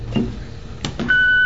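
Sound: answering machine beep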